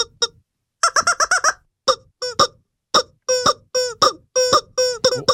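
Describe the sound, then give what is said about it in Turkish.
A squeaky rubber rooster toy with an always-open mouth is squeezed over and over, letting out a fast burst of honking squeaks followed by spaced, uneven squawks, loud with no talking. “Elindeki oyuncağın şekli çok garip. Kim, benim mi? Evet. Oğlum bendeki horoz bu.”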